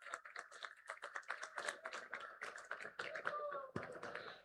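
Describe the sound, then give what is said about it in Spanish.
A crowd in a venue in Fresnillo, Zacatecas, Mexico applauds steadily for the queen candidates of the 2026 Feria Nacional de Zacatecas, dense overlapping claps filling the space for several seconds, with a murmur of voices mixed in and a brief tonal squeal near the end. “les brindamos un fuerte aplauso, por favor, que hoy nos acompañan en este recinto de Fresnillo, Zacatecas.”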